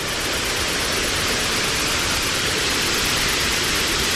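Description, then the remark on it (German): A steady, loud rush of falling water from a waterfall, roaring evenly and without pause from start to finish, with no voices. “Es führt sie einen schmalen Pfad entlang bis zu einem Wasserfall.”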